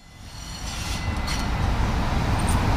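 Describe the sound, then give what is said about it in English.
A subway train on the T, the Greater Boston network and America's oldest subway, rumbles steadily along the rails, a dense low roar building slightly in loudness, with faint metallic squeaks and hiss riding on top. No one speaks. “Stefano took me out to see his real-life favorite trains. On the T, yes.”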